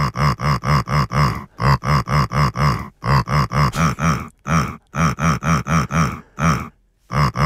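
A pig named Lissi grunts a song for HR4 radio, over and over in quick, rhythmic bursts, short loud snorts grouped into phrases with brief pauses, following the song's tune. No one speaks.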